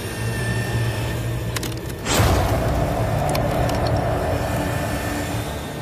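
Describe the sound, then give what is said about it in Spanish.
A powerful hydraulic bite tool, built to resemble a megalodon's bite, hums steadily, then a single loud crack rings out as it crushes a cow bone in two, followed by continued mechanical droning. No one speaks. “Lo ha partido en dos, sin ningún problema.”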